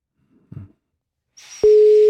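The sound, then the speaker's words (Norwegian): A faint thump, a burst of line hiss, then a loud, steady telephone ringback tone begins and holds at one pitch to the end as an outgoing call from a studio rings through. “ingen vet hvem oss ringer, og du som blir uppringt har I praksis 2 ring her I vår ende på dig før oss legger på.”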